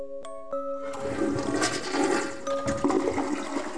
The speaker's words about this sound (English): Does your toilet flush itself? Hear mysterious clogs in the night?